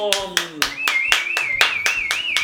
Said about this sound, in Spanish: ¡Un aplauso!